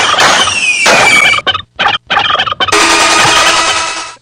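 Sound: turkey gobbling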